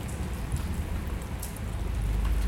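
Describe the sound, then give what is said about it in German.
Steady rain pours down outside in a continuous, even hiss with a low rumbling undertone and the odd brighter patter of drops. No one speaks. “Draußen vielleicht Regen oder nur ein leises, gleichmäßiges Hintergrundgeräusch.”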